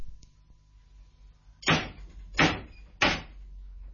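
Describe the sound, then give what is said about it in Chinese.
Three loud, heavy knocks on a door, evenly spaced, each a sharp thud with a short ringing decay, against a quiet low hum. “好，你拍门啦。”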